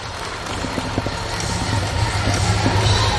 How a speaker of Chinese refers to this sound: 让我们用热烈掌声预祝他试举成功。